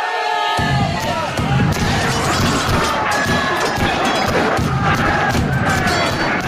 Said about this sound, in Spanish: Pues esta es la guerrilla, en este caso es la pelea, que se produce en las inmediaciones del barco pirata, ubicado en la guarida, y así lo recogían también los micrófonos, la megafonía, en esta recreación que se realizó hace ya algunos años.